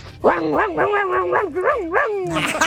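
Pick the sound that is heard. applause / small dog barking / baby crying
small dog barking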